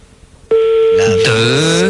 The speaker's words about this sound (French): Ah, je donne 3 sonneries, ça décroche.